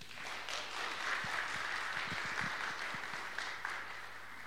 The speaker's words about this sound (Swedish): Väldigt varmt välkomna att sjunga och spela med oss den här timmen. Med en varm applåd.